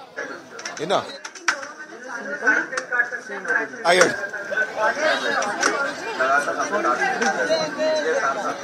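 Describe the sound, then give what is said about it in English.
A dense murmur of many overlapping voices from a crowd at an outdoor gathering in very hot weather fills the whole stretch, steady and busy, with sharp clicks and brief louder calls popping out over the continuous chatter. “So this is a kind of even though so many times we say that enthusiasm is quite a lot, and yes, the temperature is really high, but still people are coming over, and they're actually everybody's over here at this crowd here,”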